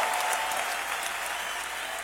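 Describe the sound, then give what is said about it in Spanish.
Sustained applause offered to the Lord, a dense steady patter of many hands clapping at moderate loudness throughout, with no voices standing out. “un aplauso al Señor fuerte.”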